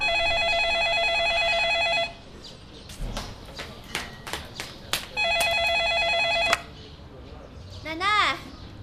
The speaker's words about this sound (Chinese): 电话。